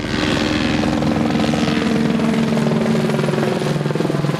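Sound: firefighting helicopters flying overhead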